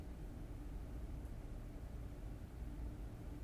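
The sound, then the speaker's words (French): A steady, rushing wash of water with a deep low rumble underneath, continuous and fairly loud, like a ship's bow cutting through the sea, with no voices. “C'est l'étrave. Je pense. Enfin, je sais pas, on a vraiment l'impression que ça fend la mer, quoi.”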